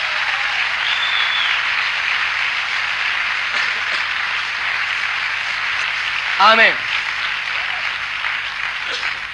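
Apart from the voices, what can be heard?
audience applauding loudly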